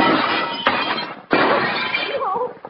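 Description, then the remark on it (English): Glass is smashed in with two sharp crashing impacts, each followed by a loud spray of shattering, tinkling shards that trails off at the end, with a brief faint voice-like sound near the close. “Smash it in.”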